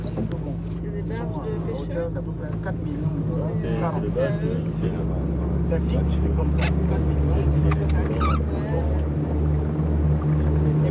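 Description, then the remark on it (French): A boat motor drones loudly and steadily as the boat departs after a storm on a sampling expedition in the Antini channel of the Gabonese mangroves, its low hum shifting pitch about halfway through as it gets underway, with indistinct voices faintly audible over the engine. “Après l'orage, le pilote donne enfin le feu vert pour le départ du bateau.”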